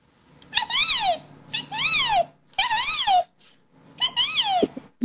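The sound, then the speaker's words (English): A child's voice imitates a resplendent quetzal bird call: four loud, whistly calls, each swooping up then sliding down in pitch, separated by short pauses, with no talking. “It's my favorite bird, the resplendent quetzal. And what sound does this one make?”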